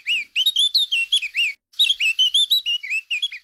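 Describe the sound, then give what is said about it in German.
A Eurasian blackcap sings a rapid, fluty warble of clear whistled notes in two close, bright phrases separated by a brief pause, with no voices present. “So tönt die Mönchsgrasmücke.”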